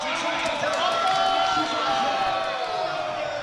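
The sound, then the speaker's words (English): A dense, loud crowd of many overlapping voices talking and calling out at once at a morning World Cup watch party in Tamworth City Library, hosted with Multicultural Tamworth; a steady roar of chatter with occasional higher shouts rising above it. “The library's hosting a World Cup watch party in partnership with Multicultural Tamworth.”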